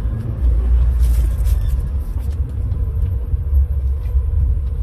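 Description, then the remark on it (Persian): Loud, continuous low rumble of car engines idling and inching forward in a long queue for the Seyed Razi gas station, which has no fuel; the line runs around the square in about three lanes. Steady throughout, with no voices. “اینا همه ماشینه یه که تو صفن.”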